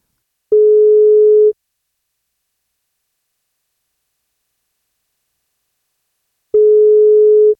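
A telephone ringback tone sounds twice as a radio breakfast show calls the parents of the month's newborn in Elnesvågen, each steady one-second beep clear and loud, separated by about five seconds of silence, with no voices.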